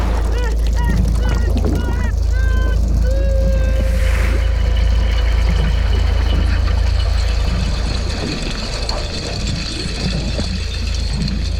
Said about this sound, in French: Oh non, j'entends un bruit de moteur qui s'approche de l'essaim de krill.